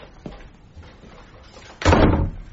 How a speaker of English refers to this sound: Ah. Close the door, will you,